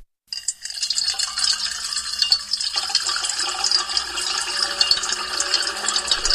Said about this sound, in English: So it will probably be seven times as soothing if we layer seven tracks of water being poured into a metal bowl.